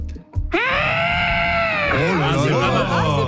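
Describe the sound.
A man's voice imitates an elephant trumpeting: one loud, sustained, brassy blast of about three seconds, steady at first, then wavering and warbling toward the end.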